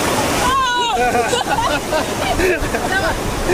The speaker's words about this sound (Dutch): De golf blijkt groter dan verwacht en overspoelt hen allebei.